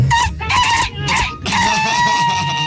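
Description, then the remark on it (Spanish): A ñato rooster crows loudly, several strained, broken bursts followed by a long sustained final crow, with no talking. “mi primera vez que escucho un gallo Ñato, ¿vale?”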